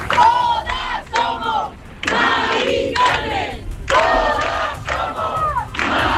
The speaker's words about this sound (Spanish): Aquí, como en otras capitales de provincia, se han escuchado proclamas por el derecho a la vivienda, contra los desahucios y también a favor de la huelga general